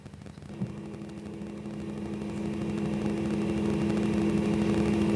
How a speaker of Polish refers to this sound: Przez moment, proszę Państwa, nic nie mówiłem, bo chciałem zobaczyć, chciałem, żeby przeszła rozbiegówka.